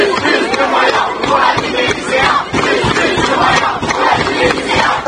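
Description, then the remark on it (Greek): A dense crowd of protesting secondary school students screams and yells continuously during clashes with police in Lens, northern France, many voices overlapping in loud, frantic cries with sharp shouts bursting out above the roar throughout. “Σοκαριστικές στιγμές με ουρλιαχτά εκτυλίχθηκαν στην πόλη Λανς στον Βορρά, όπου 15χρονος μαθητής ακροτηριάστηκε όταν έπιασε χειροβομβίδα κρότου λάμψης κατά τη διάρκεια των διαμαρτυριών.”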